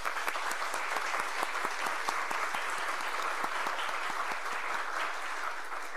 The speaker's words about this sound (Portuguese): Então, aqui hoje, na pessoa da minha irmã, que é professora, uma salva de palmas a todos os professores, por favor.